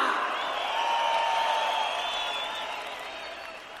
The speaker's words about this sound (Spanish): Que siga ese aplauso chido para estas grandes cantantes rock and rollera.